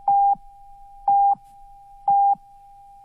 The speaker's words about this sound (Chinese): 中国移动为您整点报时。